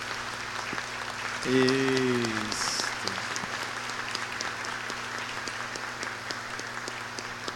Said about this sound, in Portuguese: Vamos acolher com uma salva de palmas.